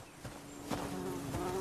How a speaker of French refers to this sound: T'entends ça? Des abeilles? Tu sais que je les aime pas.